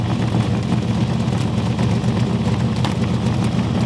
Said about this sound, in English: It sounds like a whoopee cushion is attached to your car. That sounds great. There's mechanics everywhere cringing.